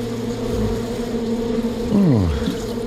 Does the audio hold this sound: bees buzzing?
yes